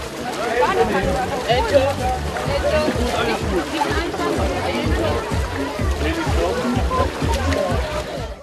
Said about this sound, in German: Wie selbstverständlich marschierten die Mutigen in das eiskalte Wasser. Wie erwähnt, musste ja die Feuerwehr eine 19 cm dicke Eisschicht erst einmal aufbrechen.